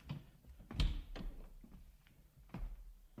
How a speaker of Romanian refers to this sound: Capitane Columb, nu ne aude nimeni aici în cabina dumitale? Să închidem ușa.